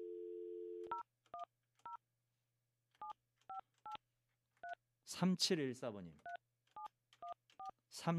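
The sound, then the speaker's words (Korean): A steady dial tone gives way to a quick run of short two-pitch keypad beeps as a telephone call is dialed to a listener during a broadcast, broken by a man speaking over the middle, then several more beeps follow. “자, 전화 한번 해봅니다.”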